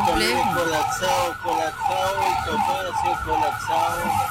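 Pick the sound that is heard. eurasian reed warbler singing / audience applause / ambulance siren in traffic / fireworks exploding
ambulance siren in traffic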